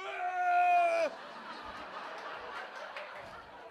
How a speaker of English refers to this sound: Because we stick with you when you scream like that. That's why we're dumb.